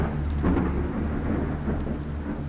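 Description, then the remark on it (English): Steady rain pours down during a summer thunderstorm in Central Florida while a deep, sustained rumble of thunder rolls through, loud, with no voices present. “Thunderstorms would roll in, you could set your watch by it.”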